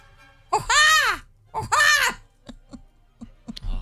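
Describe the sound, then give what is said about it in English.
A person imitates a bald eagle's cry with two loud, drawn-out screeching calls that rise and fall in pitch, followed by a few soft clicks and mouth sounds. “The eagle. Yes. Bald eagle.”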